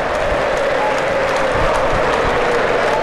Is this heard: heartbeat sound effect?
no